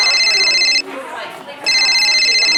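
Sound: mobile phone ringtone ringing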